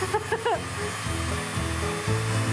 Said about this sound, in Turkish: Şimdi zımpara yapacağız. Üzerinde bıçak izlerimiz kalmasın diye. Ha, evet. Doğru ya. Zımpara olmazsa olmaz